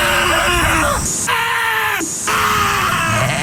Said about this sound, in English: Those are actual sheep screaming. They're all over the internet. You can find it. But those are sheep screaming.